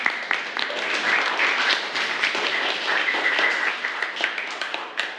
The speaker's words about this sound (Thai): ค่ะปรบมือให้กับเพื่อนด้วยค่ะ